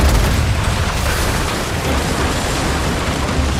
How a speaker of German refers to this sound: Mit Kanonen auf die gegnerischen Schiffe schießen, den Kahn durch die raue See steuern, lieb ich